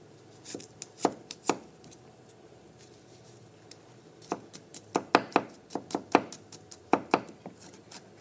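A knife chops garlic on a cutting board for a tahini sauce, in sharp, uneven bursts of thuds, some quick clusters and a few isolated strikes, with short pauses between. No one speaks.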